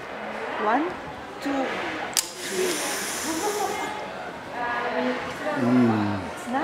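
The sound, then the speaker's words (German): A hard, hissing snort on the count of three through a chocolate-powder snorting machine invented by chocolatier Dominique Persoone for a band, a sharp breathy rush lasting over a second, surrounded by people talking and cheering before and after. “Ich sage 1, 2, 3 und bei 3 schniefen Sie ganz stark.”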